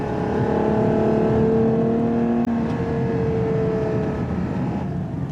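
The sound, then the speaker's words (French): A Ferrari FUV's 6.5-litre naturally aspirated V12 engine, 725 horsepower, revs loudly throughout toward 8000 rpm, a dense growling drone with layered humming tones that drift slightly in pitch, with one brief click midway and no talking. “puisqu'ils ont mis sous le capot de ce FUV, comme ils l'appellent, pour Ferrari Utility Vehicle, rien d'autre qu'un énorme V12 atmosphérique 6,5 litres.”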